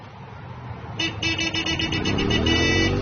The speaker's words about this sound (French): Vous êtes en ville. Une circulation dense, des klaxons, une moto passe à toute vitesse, moteur hurlant.